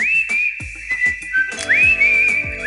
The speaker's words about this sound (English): The most like iconic whistle, right? The most iconic one.